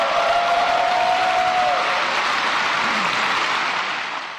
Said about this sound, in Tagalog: Pinakamahabang palakpak, hiyawan at standing ovation ang natanggap ni Pangulong Ferdinand R. Marcos Jr. matapos niyang iwan ng mga salitang yan sa kanyang ikalimang State of the Nation Address o SONA kahapon.